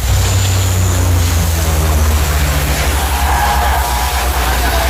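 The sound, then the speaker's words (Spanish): Powerful rushing spray of water from firefighters' hoses at a fire, continuous, over the deep steady drone of a pump engine; the roar stays loud throughout with no voices. “Hace unos años y estamos con los bomberos, con las focas que nos echan el agua encima.”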